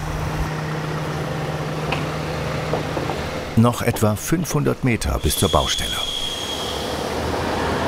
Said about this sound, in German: Hier ist es wirklich sehr eng, deswegen haben wir hier überall auch die Stahlplatten ausgelegt, damit der schwere LKW hier überall sicher rüberfahren kann und nicht aus Versehen die ganze Bankette kaputt macht und in den Graben sackt.